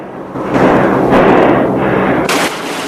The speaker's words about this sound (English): Eugene shoots. I said hold your fire!